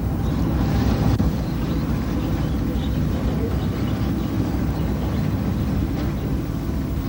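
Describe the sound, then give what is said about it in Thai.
The engine of a light-luring fishing boat, floating in the dark of night above a coral reef, drones in a steady, continuous low rumble at sea, holding an even loudness throughout with a faint wash of wind and water noise and no voices. “ท่ามกลางความมืดมิดของท้องทะเลเรือไฟล่อปลากำลังจอดลอยลำอยู่เหนือแนวปะการัง”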